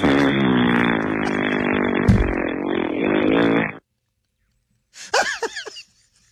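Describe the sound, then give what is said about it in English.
A voice makes a long, loud, buzzing fart noise lasting several seconds, followed after a short pause by a brief burst of squeaky, warbling vocal sounds. “If that happens to me at a grocery store and they cover me all up with baskets and stuff, I hope I'm full of a bunch of gas and just for 4 hours just rip these big, long, smelly zombie farts.”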